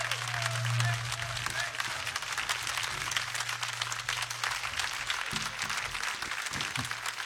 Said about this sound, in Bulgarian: Моля вашите силни аплодисменти